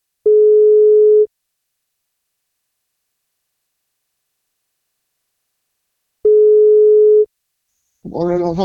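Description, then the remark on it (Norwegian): A telephone ringback tone sounds twice, each steady tone about a second long with a long silent gap between, before a man's voice comes on the line. “Så da prøver vi å ringe, så vi får tak I ….”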